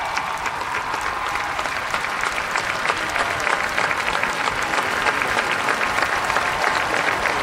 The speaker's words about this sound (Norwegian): Jeg tenker det en ganske varm applaus som folk gir dronning Sonja når hun kom ut. Det kanskje hun som fikk den varmeste velkomsten av de alle.